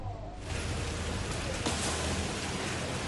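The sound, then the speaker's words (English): Heavy rain from Typhoon Dolphin pours down in Yuhuan, Zhejiang province, East China, in a dense, steady hiss that fills the whole scene, loud, with a low rumbling undertone and no voices, as crews work overnight clearing fallen trees and roads. “Personnel worked overnight amid heavy rain to clear fallen trees and roads.”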